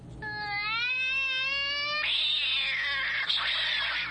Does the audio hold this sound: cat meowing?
yes